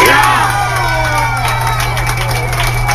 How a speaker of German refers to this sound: Und er schießt ein Tor. In der Strandarena ist die Freude riesig. Die Hände sind in der Luft. Es wird geklatscht und gejubelt.